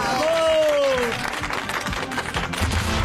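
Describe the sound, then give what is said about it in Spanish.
An audience applauds for a journalist in a dense, steady wash of clapping for about three seconds, with a single drawn-out cheer rising above it near the start. “El aplauso, tenemos a uno de los mejores periodistas.”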